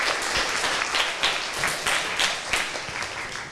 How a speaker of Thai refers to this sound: ขอเสียงปรบมือให้กับเพื่อนด้วยครับ